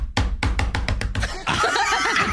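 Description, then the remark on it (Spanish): A quick, even run of about eight sharp, loud knocks on a wall, imitating the noise heard through a neighbours' wall all night and all day, followed by a burst of audience laughter and overlapping voices. “Toda la noche, todo el día, escucho así, en la pared.”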